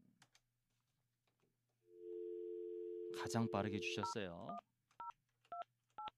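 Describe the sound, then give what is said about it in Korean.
A steady telephone dial tone hums for a few seconds while someone briefly talks over it, then three short, evenly spaced keypad beeps follow as a number is dialed to call the listener who sent the first text message. “자, 그러면 이분에게 한번 전화를 한번 걸어보도록 하겠습니다.”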